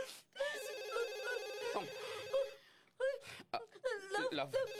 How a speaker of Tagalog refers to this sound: Love, ang landline phone ta, nagaring.